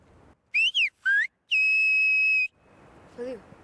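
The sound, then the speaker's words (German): A loud whistled word in Silbo, a whistled language, whistled outdoors: three short gliding whistles with rising and falling pitch, then one long steady high whistle, followed by faint background voices. “Leise kann ich es gut, aber hier draußen, wenn ich stärker pfeifen muss, verschlucke ich viel.”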